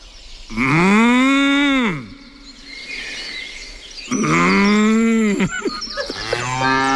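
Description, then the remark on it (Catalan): A person imitates a cow from Sant Cugat, giving two long, loud, drawn-out moos with a rising and falling pitch, separated by a short pause, followed by a shorter lowing sound. “Ara brama com una vaca de Sant Cugat.”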